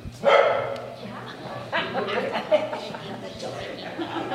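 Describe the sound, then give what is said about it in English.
A stray dog that wandered into a church barks loudly once near the start, then yips and whimpers a few more times in the reverberant church, while East Arosi residents packed in for a meeting murmur and talk in the background, on a very hot September day in 2023. “On a very hot September day in 2023, the residents of East Arosi packed into a church for a meeting, joined by a stray dog who also happened to wander in.”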